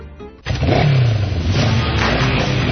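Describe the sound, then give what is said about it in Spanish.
A motorcycle engine starts up abruptly and revs loudly, its pitch rising then settling into a steady rumble with no voices. “Este verano se disfruta mejor sobre una moto Vento.”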